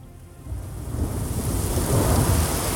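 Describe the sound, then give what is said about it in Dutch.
Steady rain hisses across the whole clip while a deep thunder rumble swells and rolls beneath it, growing louder toward the end. No voices are present. “Met regen en ook zeker de onweer.”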